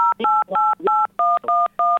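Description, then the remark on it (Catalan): A rapid series of seven electronic keypad beeps from a telephone, each a short dual-pitched tone with brief gaps, fairly loud, with no one speaking; buttons being pressed on a participant's phone during a call. “Sí, va ser el teu telèfon. Perquè sembla que estem pitjant botons.”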